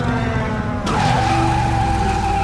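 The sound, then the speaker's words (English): A flying motorcycle ridden by a massive man drones steadily, then a sudden jolt as it lands in the street gives way to a loud, sustained tire screech as it skids across pavement. No one speaks. “The light approaches, revealing the headlight of a flying motorcycle driven by a massive man. He lands in the street.”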